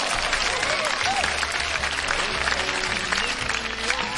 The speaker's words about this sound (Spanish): Un aplauso para toda la gente bonita de Saguayo, Michoacán.